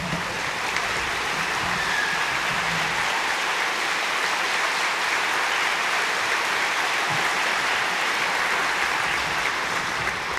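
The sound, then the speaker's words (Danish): A large concert audience applauds an orchestra steadily, a dense, continuous wash of clapping that fills the whole stretch without pause, loud, with no voices breaking through. “Og allerførst synes jeg, vi skal give et varmt bifald til det orkester, som igen i år har stablet det hele på benene.”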